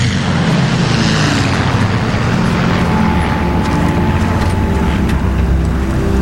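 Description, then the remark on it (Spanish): A steady, loud droning roar of propeller aircraft engines fills the scene, a dense low rumble with a faint whine drifting over it, as eleven planes come in overhead to land. “Dos no volvieron, señor. Solo llegaron 11 aviones.”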